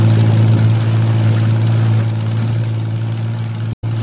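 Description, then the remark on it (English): A patrol boat engine drones steadily on the water, a loud low hum with a constant pitch and churning rumble, cutting out abruptly for a split second near the end. “Jeffries, Morris, and I race to the waterfront and pile aboard one of the several patrol boats lined up for the operation. We shove off. An hour later, we're nearing the spot.”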